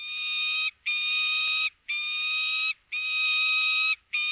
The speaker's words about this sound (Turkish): Bu programda kullandığımız Gökdoğan sesini Mehmet Kıran Çanakkale'de